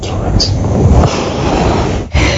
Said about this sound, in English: Oh, it goes on. Yep. That's the gasping. It's so annoying. Snoring so loud. Yes.